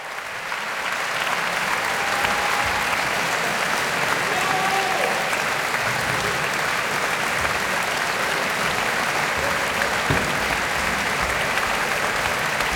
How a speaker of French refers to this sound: Et les applaudissements sont chaleureux, c'est le public de la maison de la radio et de la musique qu'on entend. Nous sommes en direct de l'auditorium, très bel auditorium de la maison de la radio et de la musique.